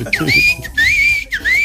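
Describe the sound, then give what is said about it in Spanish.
A person imitates a whistle: three clear, fairly loud whistled tones in quick succession, each swooping up then holding steady, with a faint murmur of voice at the start. “Y, yo, y, esa y solo oí silbido así.”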